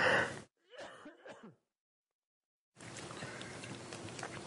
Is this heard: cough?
yes